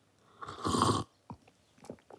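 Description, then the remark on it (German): A loud slurp lasting about half a second as someone sips hot cocoa, their third cup, standing in a kitchen at a sunny midday, followed by a few soft mouth and swallowing sounds. “Ich stehe in der Küche und schlürfe schon die dritte Tasse Kakao.”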